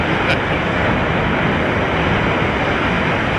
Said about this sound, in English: That's waves lapping on the shore. No one. That was waves? Yeah. That's the worst sound effect ever. It's the worst sound effect ever. I tend to agree with you. The waves relax me. That sounded like traffic. It did.